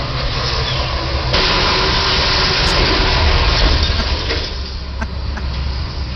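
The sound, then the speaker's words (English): A car engine rumbles past in a broad wash of road noise, swelling louder for a few seconds before easing off, with steady traffic hum underneath and no voices. “There goes the car.”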